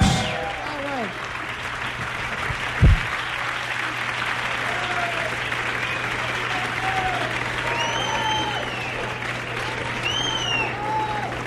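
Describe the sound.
A concert audience applauds steadily throughout, a dense, continuous wash of clapping, with high whistles and cheering voices rising over it now and then.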